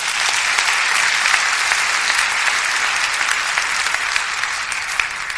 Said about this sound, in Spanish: Dar un aplauso a Cristo.